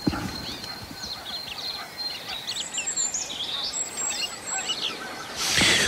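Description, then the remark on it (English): Cranes call, a scatter of rolling, bugling cries over steady open-air ambience, ending with a brief burst of rushing noise. “Oh, now the cranes. No, cranes.”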